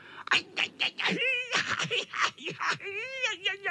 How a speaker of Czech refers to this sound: Pištěl kocour, který dopadl do kopřiv. Představte si, do kopřiv.